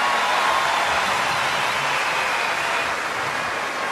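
A crowd at a party applauds the boys steadily, a dense, continuous wash of clapping that holds at an even, fairly loud level throughout with no voices rising above it.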